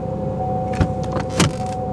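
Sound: car engine starting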